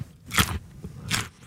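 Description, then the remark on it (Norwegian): Two sharp, crisp crunches of Erling Braut Haaland biting into a raw Norwegian carrot in season, with a brief chewing crackle between the bites and no talking, in an advert for Bama. “er en lydprøve av norske gullerøtter I sesong, utført av Erling Braut Haaland.”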